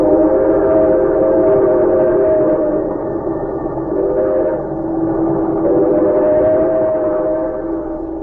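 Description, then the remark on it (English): A fast express train runs steadily, heard from its parlor car, a loud continuous rumble and clatter with droning, whistle-like tones that swell and dip slightly over about eight seconds; no voices. “He might have understood could he have overheard a conversation taking place at that moment in the parlor car of a fast express.”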